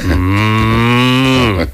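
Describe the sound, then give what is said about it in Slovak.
A person imitates a cow with a single long, loud, steady moo lasting nearly two seconds, with no other sounds around it. “ten vedel napodobňovať všetky zvieratá, ale ako? Nikto by to nerozoznal. Kravu.”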